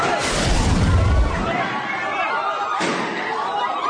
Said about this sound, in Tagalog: Mag-aalas 8 kagabi nang umalingaw-ngaw ang magkakasunod na putok ng baril sa ikalawang palapag ng gusali ng Senado.